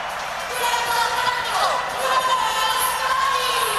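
A large crowd roars continuously, a dense, steady wash of cheering and applause for Lionel Messi, Lionel Scaloni, Julián Álvarez and Enzo Fernández, with no single voice standing out.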